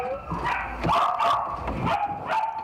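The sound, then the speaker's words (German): Several puppies kept in boxes at a Belgian dog dealer bark and yap in a rapid, overlapping series of high-pitched calls, fairly loud, with a few whiny yips mixed in and no talking. “Die Welpen werden hier in Boxen gehalten, in denen sie nichts von ihrer Umwelt mitbekommen.”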